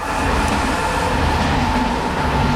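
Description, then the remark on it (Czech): A train rolls past on a railway line above a kindergarten garden in Český Brod, Czech Republic, a steady, loud rumble with rushing noise that holds evenly from start to finish, no voices. “Na pěti propojených budovách v rozlehlé zahradě pod železniční tratí praská omítka a zdivo.”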